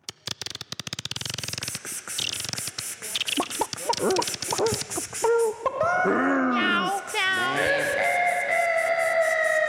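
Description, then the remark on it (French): A short produced segment intro jingle: a rapid burst of percussive clicks and hits gives way to warbling, swooping tones that settle into sustained bright notes, loud throughout. “On passe maintenant à la rubrique suivante, j'ai nommé l'Animacli. Oh non. Jingle.”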